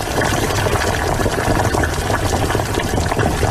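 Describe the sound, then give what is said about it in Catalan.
Water at a rolling boil with vegetables added, a steady, dense bubbling and hissing that stays loud and even throughout, with no voices. “Mira, mira, ara l'aigua ja bull. Hi poso tota la verdura i comença a fer una boníssima olor.”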